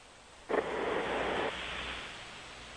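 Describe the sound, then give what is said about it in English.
A sleeping man's single harsh, rushing snore comes through a tinny phone line, a broad hissy roar lasting about a second before fading into a low steady line hum. No one speaks. “It's like the space shuttle trying to steer itself.”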